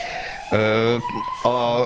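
An emergency vehicle siren passes outside, alternating steadily between a low and a high tone in a two-tone pattern, fairly loud.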